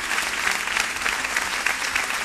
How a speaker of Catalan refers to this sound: Un aplaudiment per ella, eh? I tant.